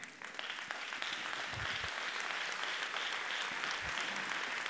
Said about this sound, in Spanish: Honrelo a Dios, si quiere honrarlo, con su aplauso.